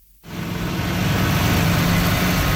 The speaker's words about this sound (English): Bulldozers and dump trucks are busy repairing dozens of damaged roadways from this weekend's major storm.